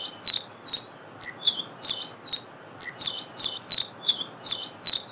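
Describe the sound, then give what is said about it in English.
A lively, canary-like song of a Nihoa finch (Palihoa): a quick series of bright, high chirping notes repeated in a steady rhythm, clear over a soft background hiss, with no talking. “If you're lucky enough to ever visit Nihoa Island, you can't miss their lively, canary-like song.”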